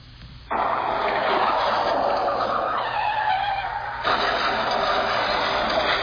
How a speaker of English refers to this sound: Sorry, I just had a car crash.